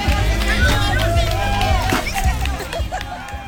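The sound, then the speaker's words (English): A lively crowd of adults and children at a piñata party sings and cheers together. Adults clap and sing the traditional song "Dale, Dale, Dale" as children line up to whack a piñata strung in a tree. Scattered hand claps and excited voices are layered over a steady, loud hubbub. “The adults watched, clapped, and encouraged the kids, singing the traditional song, Dale, Dale, Dale.”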